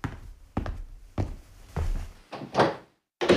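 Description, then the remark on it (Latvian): A nurse closing the door marked with the sign of the children's rehabilitation centre director: a string of solid wooden thunks and latch clicks, about half a second apart, with no voices. “Māsiņa aiz Zitas aizvēra durvis ar uzrakstu Bērnu rehabilitācijas centra direktore.”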